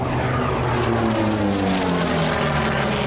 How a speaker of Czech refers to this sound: Tento matně černý letoun je posledním létajícím exemplářem, který byl nasazený v korejské válce. Bylo operačně nasazeno od roku 1950 a lítal u americké námořní pěchoty.